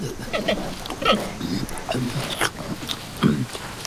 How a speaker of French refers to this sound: Oh, le voilà! On dirait un ours, mais c'est bien un grand panda.